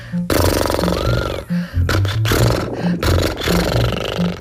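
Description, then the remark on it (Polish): A voice makes loud, buzzing lip trills imitating a horse's snort or a moving motorbike, done as an exercise to warm up the lips, in several rumbling bursts separated by brief pauses for breath. “A teraz drugi rodzaj naśladowania konika, czyli robienie tak.”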